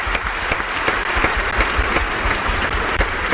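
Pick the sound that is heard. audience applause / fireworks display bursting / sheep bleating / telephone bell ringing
audience applause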